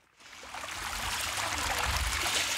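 Steady trickling and splashing water at a Roman water playground, a broad hissy wash that swells in after a quiet start and then holds at a fairly loud level, with no voices.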